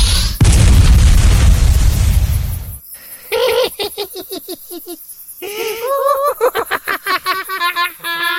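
A fireball spell cast with a magic wand at a ghost among dark green conifers at dusk: a loud, roaring burst with heavy low rumble lasting a couple of seconds, then cutting off into a stretch of choppy, high-pitched vocal sounds like cackling.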